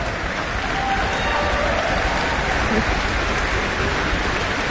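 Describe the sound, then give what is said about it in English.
Dense, steady applause from a large orchestra-concert audience acknowledging the trombones, a continuous crackling wash of many hands clapping at even loudness from start to finish, with no clear voices above it. “A big applause for the trombones from the audience.”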